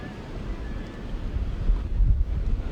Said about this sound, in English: Doesn't seem very windy out there, yet it sounds windy.